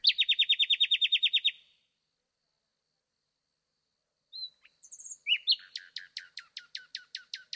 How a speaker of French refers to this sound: Dans la nuit, le rossignol remplit l'espace.